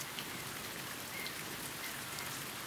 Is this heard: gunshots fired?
no